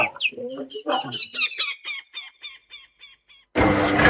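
A washing machine that has broken down again, malfunctioning: a rapid run of high, squeaky chirps that gradually slows and fades over about three seconds, then cuts to a sudden loud, harsh rushing roar.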